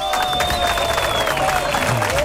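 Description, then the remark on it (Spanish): A burst of steady crowd applause fills the short moment, dense and continuous clapping with a faint crowd murmur and a thin sustained whistle-like tone running underneath. “Ponle aplausos acá.”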